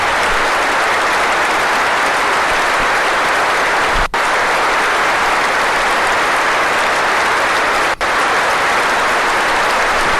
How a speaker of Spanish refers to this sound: Se va a guardar minuto de silencios que se convierte en minuto de aplausos en Anfield.